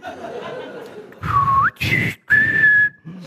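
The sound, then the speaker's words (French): A person whistles in imitation of bird language, as an insult: a short wavering whistle that sweeps upward, then a longer steady high note, with brief bursts of chuckling laughter between the phrases. “Et comme je parle le langage des oiseaux, je vais le traiter de trou du cul.”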